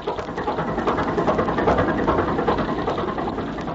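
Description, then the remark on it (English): A steady, droning motorboat engine runs at speed on the ocean at dawn as the boat bears down rapidly on two people in the water, loud, its rough mechanical rumble holding constant throughout with no voices. “All is excitement aboard the Gregory boat as they bear down rapidly on the two people in the water”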